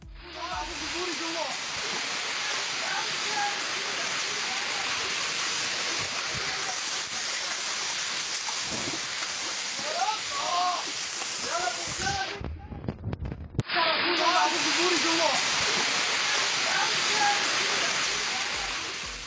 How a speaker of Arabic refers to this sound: أيضا لم تكن الأمطار مجرد مياه غمرت الشوارع أو عطلت حركة السير فقط، إنما خلفت أضرارا مادية جمة لأصحاب المحال التجارية في بعض المناطق، منها صاحب محل لبيع الألعاب يقع محله في قبو، إذ دخلت المياه نحو البضائع وأحدثت ضررا فيها.